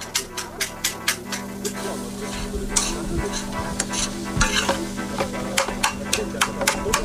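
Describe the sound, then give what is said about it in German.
Food seasoned with garlic granules and paprika sizzles steadily in a hot pan while a utensil scrapes and stirs it in repeated sharp strokes, with a faint voice murmuring briefly underneath. “Nach einem ersten beherzten Umrühren.”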